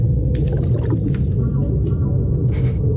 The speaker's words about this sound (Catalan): Una peixera molt gran, o...? Són balenes.